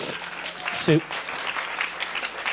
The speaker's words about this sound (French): Sous vos yeux ébahis, mesdames et messieurs, applaudissements.